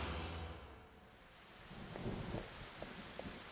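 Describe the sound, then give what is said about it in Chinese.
Steady rain falls outside, hissing without a break, with a low rumble of thunder and a few soft thuds underneath. Nobody speaks. “哎，那趁外面下雨，跟他们来个调包计。”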